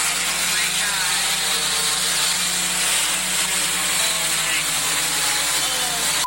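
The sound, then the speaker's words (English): A delivery drone hovers over a backyard pool at a home in Richmond, Texas, with a steady, loud buzzing drone of spinning rotors, a low harmonic hum under a bright, whirring hiss that holds unbroken for the whole stretch. “The drone is seen hovering over her pool.”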